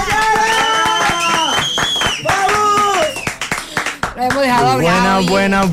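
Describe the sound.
A studio audience claps rhythmically throughout, sharp hand claps layered beneath loud, sustained voices that sound like cheering or singing, all close and energetic.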